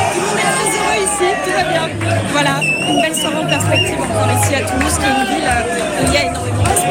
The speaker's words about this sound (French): Voilà, mais vous l'entendez aussi. autour de moi, ça crie, ça chante. En fait, bien sûr, la victoire de l'Espagne. Avec le drapeau espagnol.